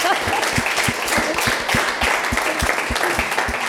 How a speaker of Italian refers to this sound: Allora, applauso a questa simpatia.